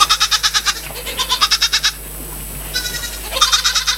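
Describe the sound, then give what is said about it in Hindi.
A neighbour's goat grazing on a small patch of land in front of a house bleats in long, quavering calls, its voice trembling in rapid pulses, with a brief pause between bursts. The sound is fairly loud, with no one talking. “उसके मकान के सामने थोड़ी सी जमीन पड़ी हुई थी, पड़ोस के किसी आदमी की एक बकरी उसमें आकर चरा करती थी। इस समय भी वो चर रही थी।”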